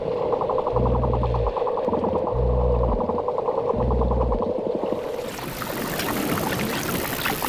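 Underwater calls of a pod of bottlenose dolphins navigating by biological sonar near the coast: rapid buzzing click trains and tonal squeals, joined by three deep rhythmic pulses, then giving way to a dense, hissing crackle of clicks near the end.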